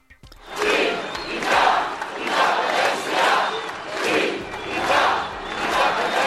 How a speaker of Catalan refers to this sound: És el crit unànime repetit a la gran manifestació als carrers de Barcelona que aplegà milers de persones convocades per Òmnium i l'Assemblea Nacional Catalana amb la participació de totes les formacions independentistes.